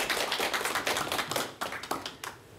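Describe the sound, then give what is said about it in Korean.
A crowd applauds with dense, overlapping claps that stay fairly loud and steady for a couple of seconds, with a few sharper individual claps standing out. No one speaks. “여러분 박수 부탁드릴게요.”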